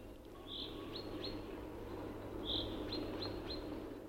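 Chaffinches sing in a forest in April, two short bright phrases of quick chirps a couple of seconds apart, over a steady low background hum.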